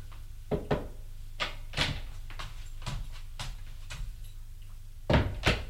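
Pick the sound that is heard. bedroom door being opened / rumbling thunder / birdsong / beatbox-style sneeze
bedroom door being opened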